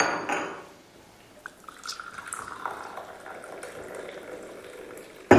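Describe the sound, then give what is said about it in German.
Coffee pours into a cup with a steady liquid trickle, a soft clink of crockery partway through, then a brief clatter right at the end; fairly quiet, no voices. The coffee is poured at the start of a meeting inside a prison. “Können wir uns ja erstmal einen Kaffee einschenken?”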